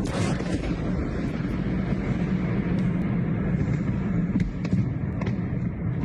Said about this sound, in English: You can just about make out at the end there a series of explosions, because what local residents didn't know was that the building was being used to store ammunition. The initial blast set off a chain reaction of detonations